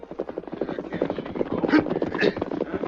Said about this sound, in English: Days travel ahead, the outlaw band camped in the hills. Their leader, a man named Varley, waited as a horse and rider galloped in from the east.